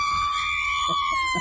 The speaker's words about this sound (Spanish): A ver, un grito mexicano.